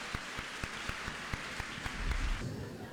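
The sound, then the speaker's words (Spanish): A crowd applauds steadily, a dense wash of clapping with a few sharper claps standing out at a regular pace. A low murmur rises briefly near the end. “Un aplauso para la mujer que es así.”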